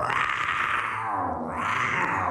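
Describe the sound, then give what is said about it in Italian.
A person imitates a lion's roar, the lion of The Lion King, with one loud, rough, sustained growl lasting a couple of seconds, its pitch dipping and rising again partway through. “È il leone, il re leone.”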